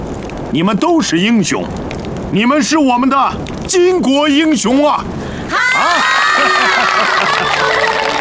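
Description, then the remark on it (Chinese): A crowd of women comrades shouts together in loud, rhythmic bursts, like a chant, then breaks into sustained cheering and applause for Wang Zhen that fills the final few seconds. “同志们，你们当我面为我鼓掌，有没有背后骂我的？”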